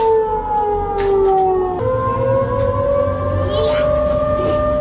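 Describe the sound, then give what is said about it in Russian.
A loud air raid warning siren wails steadily, its tone sliding slowly downward and then rising again, with faint background noise and no one speaking. “Но даже если сирены сработали вовремя, человек все равно не знает, что ему делать.”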